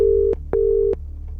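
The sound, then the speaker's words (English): A telephone ringback tone heard down the line on a call placed by BBC Radio 2 to a listener: two steady beeps, each about a third of a second long, separated by a short gap, with a faint low hum underneath. “But it's ringing.”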